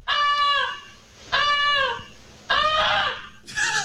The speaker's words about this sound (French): Puis là, ce qui les a réveillés, c'est l'oie qui gueulait en folle. Moi, j'ai jamais entendu ça sonner comment une oie. Ça sonne fort.